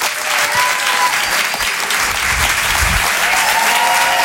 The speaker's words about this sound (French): On va l'applaudir très très fort lui aussi, s'il vous plaît. Voici Karim Duval.